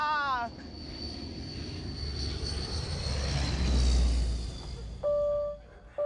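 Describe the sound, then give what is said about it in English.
A big jet roars overhead, its broad rumble and high turbine whine swelling to a loud peak and then easing off, with brief voices at the start and end. “Big jet, man.”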